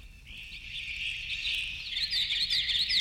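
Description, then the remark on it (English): Birdsong slowed down and lowered in pitch, its duration doubled or tripled and its pitch halved or quartered an octave at a time: a continuous, drawn-out warbling band with stretched, sliding chirps growing more distinct toward the end, steady and fairly loud with no voices. “an oral world where duration is doubled or tripled, and where pitch, the precise pitch of a note, of any note, of all notes, is halved or quartered, an octave at a time.”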